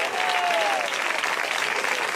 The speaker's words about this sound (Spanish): Dele fuerte ese aplauso al Cristo en la gloria.